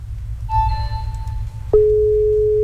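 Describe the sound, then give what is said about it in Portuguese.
A telephone line rings through during a radio station call-in: a thin, higher tone sounds first, then a loud, steady lower tone cuts in and holds, over a low background rumble. No one speaks. “Agora, telefone tocando.”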